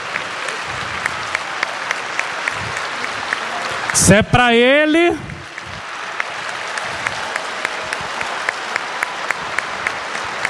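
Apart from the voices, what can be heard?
audience applauding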